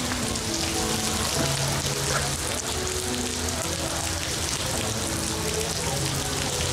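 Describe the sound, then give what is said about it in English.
Steady rainy-season rain in Singapore, near Gardens by the Bay, pours onto a hard surface with a dense, continuous patter, fairly loud throughout, while a faint low hum sits underneath. “Oh, the joys of traveling in rainy season,”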